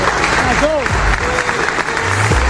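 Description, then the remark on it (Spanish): Dense, steady applause from a crowd at Armani's farewell fills the whole moment, a continuous wash of clapping with a few raised voices and cheers rising briefly above it. “Pero no olvidemos una persona fundamental también, que quiero que le dé un aplauso muy, muy grande.”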